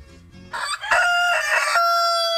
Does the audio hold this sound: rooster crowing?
yes